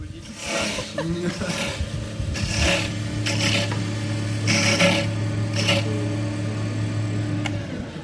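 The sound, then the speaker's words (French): A wood lathe in a school woodturning workshop, where pupils make keyrings with an artisan, runs with a steady, low motor hum while a cutting tool rasps against the spinning wood in several loud, uneven scraping bursts. “On entend un tour à bois.”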